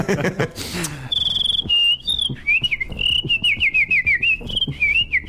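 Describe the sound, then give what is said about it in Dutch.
A person whistles with the mouth, starting with a long steady tone, then a quick warbling run of trills and short fluttering notes, fairly loud after a brief rustle at the start. “En daarmee kan ik nu ook dat fluiten, van meer veel mensen geloven dan niet.”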